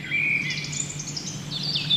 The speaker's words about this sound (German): Wir hören Vogelzwitschern. Aber hier in diesem See im Scheichtal, bei Dettenhausen, da soll es sehr viele Frösche geben.